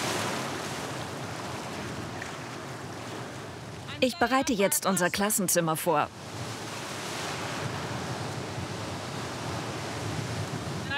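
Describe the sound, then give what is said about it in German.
Steady roar of surf on the roughly 10-kilometre beach at Ristinge on the Baltic Sea, with broad wind-like noise throughout, interrupted for about two seconds by a woman speaking over the waves. “Es gibt nur viele Wellen.”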